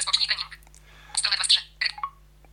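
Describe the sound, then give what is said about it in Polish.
A smartwatch alarm, started by pressing the watch's action button, beeps in three quick bursts of rapid, high-pitched electronic tones, the first two longer and the last one brief, with short quiet gaps between them. “Dobra, no to ja w tym momencie po prostu naciskam klawisz czynności i od razu uruchomi mi się alarm.”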